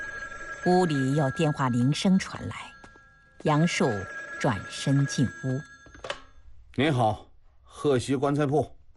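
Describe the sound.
A telephone bell rings continuously inside the Hexi coffin shop, a steady bright tone running under a man speaking throughout.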